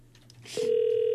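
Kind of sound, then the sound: signal or alarm, telephone ringback tone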